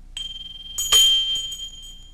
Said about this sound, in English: Number one was a small bell.